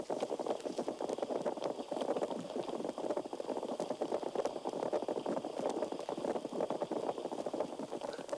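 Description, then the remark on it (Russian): A school of catfish purring underwater, a dense, steady crackle of countless tiny pops and bubbles, like many kettles boiling at once, continuing evenly throughout with no voices. “Рыбы-кошки, собравшись в стаю, урчат, будто кипит множество кофейников сразу.”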